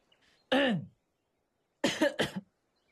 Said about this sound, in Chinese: 死了死了干咳嗽，他今天好像痰堵了喉咙一般。